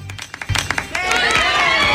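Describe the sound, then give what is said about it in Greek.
Studio applause that starts as a few scattered sharp claps and swells within a second into steady, dense clapping, with a faint murmur of voices from the audience mixed in. “Δεν θέλω χειροκροτήματα.”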